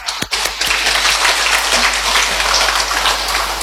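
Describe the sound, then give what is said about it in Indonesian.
Sustained audience applause at an Indonesian regional council plenary session, a dense crackling wash of many hands clapping at steady loudness, beginning with a few sharp isolated claps before swelling into continuous clapping with no speech. “Tepuk tangan dulu.”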